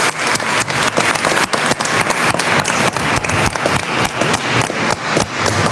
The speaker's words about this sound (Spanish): Un aplauso fuerte a San Francisco de Asís también.